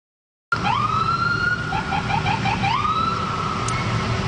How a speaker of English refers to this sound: That was the sounds of sirens from police cruisers from Montreal's South Shore municipalities making their way all the way up to Station 26 in Côte-des-Neiges.